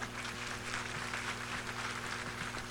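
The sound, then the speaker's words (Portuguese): A crowd at a romaria novena at a shrine claps steadily to welcome people entering with the image of Bom Jesus, a dense, even wash of applause with no single claps standing out, over a low constant electrical hum and no voices. “Vamos nos acolher a todos com uma salva de palmas.”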